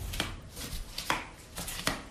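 Flip-flops slap against the soles of feet in a steady walking rhythm, about five crisp, sharp smacks in two seconds, with no voices.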